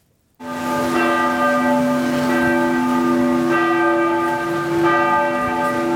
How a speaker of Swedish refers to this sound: I Norge ringde idag alla landets domkyrkor till minnesgudstjänst för kung Harald.